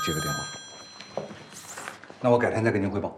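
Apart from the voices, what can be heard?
telephone ringing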